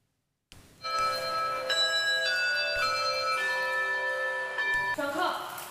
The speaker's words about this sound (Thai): เสียงกริ่งดังแบบนี้เป็นอันเริ่มต้นการเรียนคาบพิเศษค่ะซึ่งจัดขึ้นที่ห้างสรรพสินค้าแห่งหนึ่งในกรุงปักกิ่งของจีน